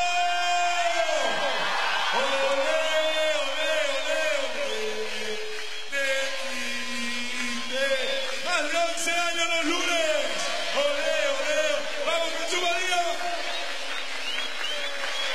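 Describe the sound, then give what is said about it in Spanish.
A group of children shouts their loud, sustained group cheer in unison, their voices overlapping in a continuous, energetic chant for about fifteen seconds. “¡Vamos, Jesús María, el grito!”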